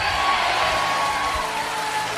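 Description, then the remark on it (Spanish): An audience shouts amen together at the preacher's call during a sermon, a dense, loud roar of many voices that stays steady for a couple of seconds with no single speaker standing out. “Alguien grite amén.”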